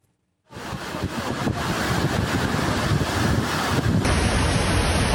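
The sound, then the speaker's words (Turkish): A loud, dense roar of a heavy evening downpour in Giresun and rushing, overflowing stream water kicks in abruptly and continues steadily, with no voices present. “Giresun'da akşam saatlerinde başlayan sağanak yağış kısa sürede şiddetini artırarak hayatı olumsuz etkiledi.”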